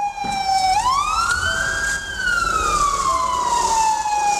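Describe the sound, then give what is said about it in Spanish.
The siren of an emergency Fabia from the Na Homolce hospital wails loudly, its pitch sweeping up then slowly gliding back down in one long tone, with road noise underneath and no talking. “para dejar paso al Fabia de emergencias del hospital Nahomolce.”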